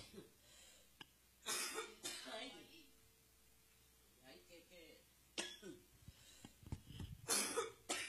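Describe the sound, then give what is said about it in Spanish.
A loud coughing fit brought on by eating something sweet: harsh bursts come in clusters, a pair early on, then more after a short pause, with raspy throat-clearing and breathing between them. “Como que lo dulce me alborotó la tos.”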